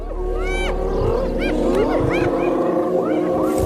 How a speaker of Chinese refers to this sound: 听，这叫声是什么意思？还越叫越大声。 这不是挑衅狮子的叫声，而是斑鬣狗在召唤族群里的其他成员。